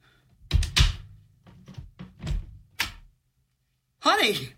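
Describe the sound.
A door is opened by someone answering a visitor at the door, with a handful of solid clunks and rattles over a few seconds, then a brief pause before a voice begins speaking.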